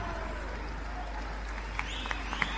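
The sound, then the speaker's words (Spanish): A steady wash of audience applause for the band's bombo drummer, fairly soft and even throughout, with a few sharper claps standing out toward the end. “Muchas gracias. Fuertes aplausos para Silvio Aníbal López, 30 años conmigo en el bombo.”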